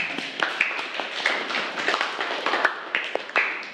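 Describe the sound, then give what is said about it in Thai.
Children in a classroom clap for a group of classmates about to present their answer, a dense, steady patter of many hands lasting several seconds at moderate loudness, with no voices in between. “เมื่อกี้นี้กลุ่มไหนบอกว่าอยากนำเสนอคำตอบกลุ่มที่3นะคะปรบมือเพื่อนหน่อยค่ะ”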